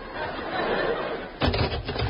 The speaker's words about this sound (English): Hear that sound, listeners? A door.